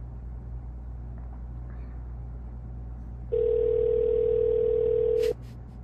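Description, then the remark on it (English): A phone line rings once on the caller's end during an unanswered call to a business: a steady electronic tone lasting about two seconds, then a faint click, over a low background hum with no one talking. “They're just gonna let it ring.”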